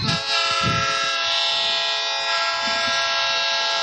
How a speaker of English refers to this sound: So there's the old train horn. Getting ready for this second half to get started.